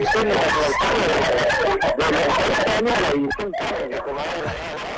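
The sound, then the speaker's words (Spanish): Dogs bark repeatedly over a loud, crowded mix of voices and laughter, the barking woven into a dense, noisy background throughout. “La verdad, se escuchan más los ladridos de los perros que ustedes, en serio, ¿eh?”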